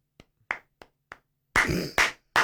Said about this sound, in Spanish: Más fuerte el aplauso para la 10 de Aranda, sin ninguna duda. Bueno, dos aplausos fuertes.